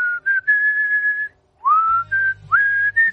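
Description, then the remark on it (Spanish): A clear whistled melody of sustained, gliding notes in short phrases, with a brief pause midway and a low hum of backing music entering in the second half, the whistled intro of a rock song. “Y mola porque empieza a sacar la letra, y como sacó la letra, empezó a sacar la letra y a silbar el”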